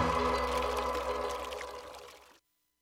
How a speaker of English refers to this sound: Faucet running? That's not a faucet. That's a river rushing through the forest. Forest rivers provide over 100 million people with clean water to drink.